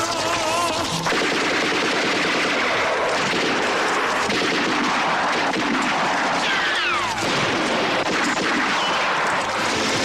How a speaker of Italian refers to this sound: Appena passato mezzogiorno quando comincia l'attacco. I tedeschi aprono il fuoco contro le postazioni partigiane. Lo scontro durerà fino alle 12.30.